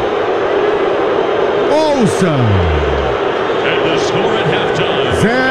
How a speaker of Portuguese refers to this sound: Vai terminar o primeiro tempo, é fim de papo, apita Gustavo Terreira do Uruguai. Fim de papo sob vaias do estádio de Guadalajara. Ouça!